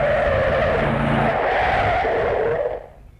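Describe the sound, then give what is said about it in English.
A car's tires screech in a long, loud skid lasting nearly three seconds, the squeal holding steady before cutting off abruptly as the vehicle halts, with no voices. “We don't want to stop the wrong car.”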